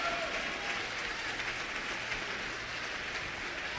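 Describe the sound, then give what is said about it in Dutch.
Sustained applause from a church audience giving the Lord a thunderous round of applause, a dense steady wash of clapping at even loudness for several seconds with no voices standing out. “Geef de Heer een daveren. Applaus.”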